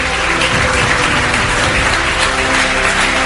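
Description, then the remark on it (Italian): Sustained applause from an audience at a political panel as guests including Roberto Calderoli are introduced, a dense, steady wash of many hands clapping at once, loud and continuous for the whole stretch with no voices standing out. “No, però non mi piace, cioè l'applauso c'è o non c'è?”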